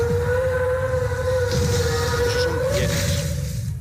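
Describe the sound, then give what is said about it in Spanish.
A deep, drawn-out creature call of an imagined Brachiosaurus dinosaur, a steady whale-like moan over heavy rumbling, loud and continuous for about four seconds with no one talking. “Entonces ya, el último. Venga. Ah, venga, ¿cuál es? Brachiosaurus.”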